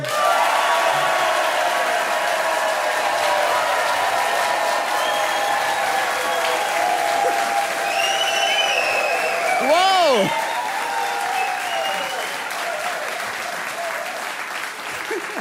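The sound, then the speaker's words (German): A crowd applauds steadily throughout at a Satire-Sommer entertainment broadcast in the Eifel, with cheers and whoops rising above the clapping, including one sharp shout partway through; a voice speaks over the noise near the start. “Wo das überaus gut gelaunte Publikum sich offensichtlich freut, heute endlich unterhalten zu werden und sich nicht selber unterhalten zu müssen.”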